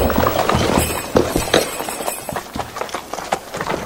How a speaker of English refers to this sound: They saw the farmer's three horses trot in the gate all alone.